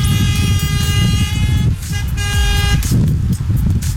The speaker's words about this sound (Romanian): Flash-uri, flash-uri, claxoane. Da, și flash-uri, dați claxoane.